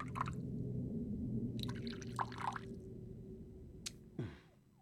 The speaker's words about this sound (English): Please, pour away. Beluga vodka from Siberia, using spring water purified three times.